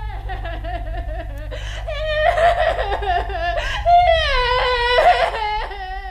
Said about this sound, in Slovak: od narodenia zas len plače, narieka, nikto ju dosiaľ nedokázal utíšiť.